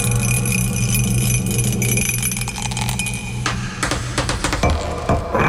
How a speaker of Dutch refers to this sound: Goed, wij gaan dobbelen. En daarna dan is het aan jou. Sorry, ik had de dobbelsteen nog in de kast staan. Nou is hij er. Daar gaan we.